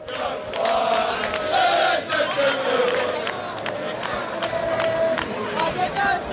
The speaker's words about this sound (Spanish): Bueno, pues mezclamos sonido de cánticos ingleses con sonido del Rayo Vallecano, que cada vez son más aquí en esta puerta esperando la llegada de la expedición, del equipo, del cuerpo técnico comandado por Íñigo Pérez.